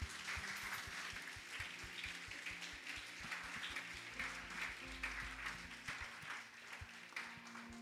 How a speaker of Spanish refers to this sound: Si tú lo crees, dale un aplauso a Dios.